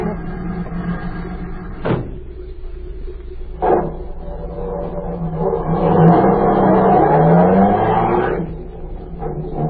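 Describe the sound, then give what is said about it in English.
A car idles with a low rumble, two car doors slam shut, then the engine revs up with a rising whine as the car pulls away and its sound fades off. “I've got a car waiting.”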